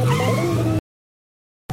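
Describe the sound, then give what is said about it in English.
A car engine revs loudly for under a second, then cuts to silence before a brief burst of sound returns at the end. “Hey, don't touch the car.”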